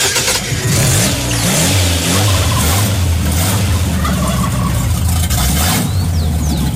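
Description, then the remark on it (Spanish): An old car engine cranks and catches, then revs unevenly in a few rough bursts before settling into a loud, rumbling idle, with no talking. “Mire que el carro ya me está prendiendo. El carro ya lo logré.”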